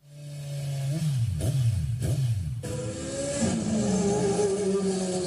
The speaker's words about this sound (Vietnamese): Những chiếc xe máy lao vun vút trên các tuyến phố trong đêm khuya, mang theo đủ loại hung khí nguy hiểm. Không gian yên tĩnh bất ngờ bị phá vỡ bởi những tiếng nẹt bô chói tai liên hồi.